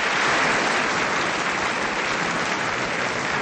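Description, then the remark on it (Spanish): Steady applause from a sizable crowd, dense and continuous hand clapping at a loud, even level throughout, with no speech over it. “¿Cómo no darle aplausos a este caballero?”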